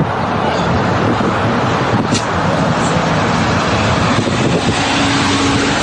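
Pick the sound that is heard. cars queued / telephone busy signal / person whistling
cars queued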